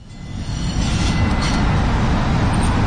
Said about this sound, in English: took me out to see his real-life favorite trains. On the T, yes. The Greater Boston Train Network. What's fun about taking the T? Get to see the stops. It's America's oldest subway.